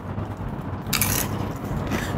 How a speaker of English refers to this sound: You can hear the crunch of the tacos as he's eating, and then we'll get his thoughts on what it actually tasted like.